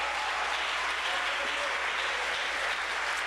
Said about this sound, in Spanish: ¿Cuánto le damos un aplauso al Señor, hermanos?